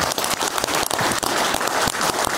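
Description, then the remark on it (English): A crowd claps steadily in a dense, continuous patter of many hands, loud and sustained throughout with no voices over it, applauding an audience member who served on the submarine Conqueror. “Round of applause.”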